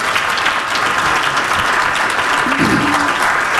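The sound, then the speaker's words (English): Steady applause from an audience for the organization TE, a dense wash of clapping that holds at a constant loud level throughout, with a faint voice briefly audible partway through. “So that's another round of applause.”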